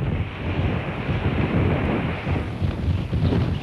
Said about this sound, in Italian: Maintenant nous traversons la digue qui est la communication de la Hollande du Nord et Friesland. Era una giornata particolarmente fredda e il vento faceva da padrone senza misericordia.